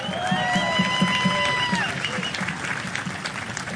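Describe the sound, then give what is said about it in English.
A sustained round of audience applause for the kids, dense and steady, with cheering voices and a few whistled tones rising above the clapping before it gradually thins out. “Let's give them another round of applause, shall we?”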